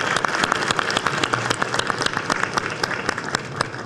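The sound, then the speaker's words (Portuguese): An audience applauds steadily, many hands clapping in a dense, crackling wash with sharper individual claps poking through at a fairly even loudness throughout, as senator Damaris Alves is invited to join the head table at an event in the Federal District, Brazil. “Uma salva de palmas para essa amiga maravilhosa.”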